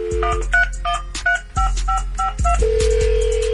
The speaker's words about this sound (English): If you out there listening, your phone about to ring. So let's see who about to pick up this money.